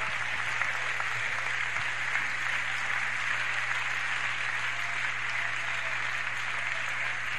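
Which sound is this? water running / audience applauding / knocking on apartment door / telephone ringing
audience applauding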